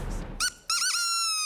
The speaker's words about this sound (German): Und manchmal geht es ganz schnell, nach dem Ertönen der Möwentröte.